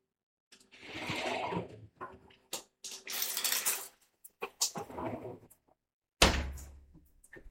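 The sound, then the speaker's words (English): Clunks and knocks from a shower handle as a shower is turned on, then short hissing bursts of water spraying on and off, ending with a sharp thud. Moderately loud, with no talking. “And that is my shower turning on.”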